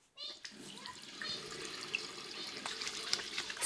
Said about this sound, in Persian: صابون و آب. بشور.